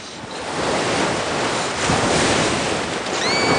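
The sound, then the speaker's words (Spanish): Waves break on a beach on a sunny day in a loud, continuous rush of surf that swells slightly and never lets up, with wind hissing across the microphone and no voices. “Una niña está en la playa en un día soleado y corre hacia el mar en bañador.”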